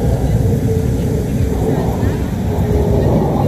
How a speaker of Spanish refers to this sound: Son cuatro aviones que, mira, están haciendo ejercicio. A ver. Son cuatro F-16 sobrevolando Calama.